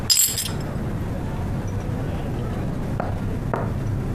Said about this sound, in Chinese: 来，祝咱们工作室再立新功，干杯。